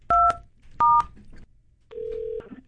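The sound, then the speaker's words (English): Two short, bright telephone keypad tones beep in quick succession as a phone call is placed, followed after a pause by a longer, steady lower tone like a ringback signal, all clear with no talking. “And when I tell you nobody has answered the phone, they not trying to talk to me today for real.”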